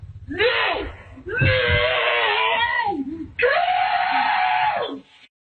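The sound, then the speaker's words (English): Several voices of a mother and her children let out three long, loud, drawn-out screams after a dog brought an armadillo into their house, slowed down so the pitch sags and warbles, separated by brief gaps, with a word shouted among them. “For journalism reasons, here's part of that clip again in slow motion.”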